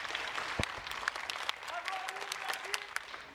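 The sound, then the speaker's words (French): An audience at a school open day claps steadily for two people, a teacher and a colleague, who opened the morning with music. A dense wash of overlapping hand claps with sharper individual claps standing out, while a few voices murmur faintly underneath. “Avant de commencer le court discours que je vais vous faire, j'aimerais déjà que, eh bien, on applaudisse les deux personnes qui étaient là ce matin et qui ont fait un début en musique.”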